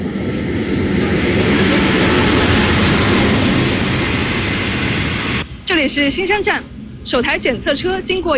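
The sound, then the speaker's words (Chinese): A high-speed rail inspection train crosses the Gaolan River Bridge over a deep mountain gorge on the Yichang–Xingshan high-speed railway, rushing past with a loud, steady roaring whoosh lasting several seconds; then the noise cuts off abruptly and a person starts talking. “这里是高兰河特大桥，在我身后检测车正飞跨在深山峡谷之间。”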